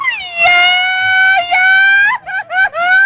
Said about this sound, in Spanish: Ya se la sabe, ahí está el grito, según acá dice el productor, que ese es un grito de mariachi. Yo no le hallo nada de ahí de mariachi, pero bueno, se la vamos a pasar al productor.